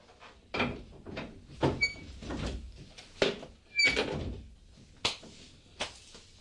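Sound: door being opened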